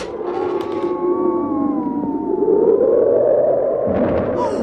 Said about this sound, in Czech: to je fujavice. A krop je tu až po kolena. A vítr mi vzal čepici.